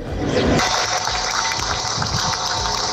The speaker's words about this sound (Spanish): Con este aplauso, con las campanas, se rompía ese minuto de silencio.